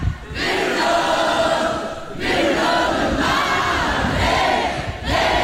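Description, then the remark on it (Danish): A large crowd at Snapsting in Viborg sings along loudly to a song in sustained, swelling phrases, a dense wall of voices with brief dips between lines. “Og her fra Snapsting i Viborg tidligere på sommeren, hvor der også blev sunget rigtig meget med på den her.”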